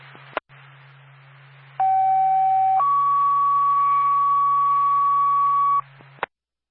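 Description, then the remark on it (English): A fire dispatch two-tone page over a radio for the Twin Mountain Fire Department, calling out a commercial fire alarm on 99th Key Area Road in Carroll: a steady lower tone for about a second, then a longer higher tone for three seconds, framed by squelch clicks and a low hum. “Twin Cities, Twin Mountain Fire Department, second tone.”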